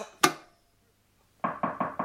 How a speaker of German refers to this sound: Es hat geklopft. Erlauben Sie, dass ich nachsehe? Es ist die Limonade und der Herr Pfarrer.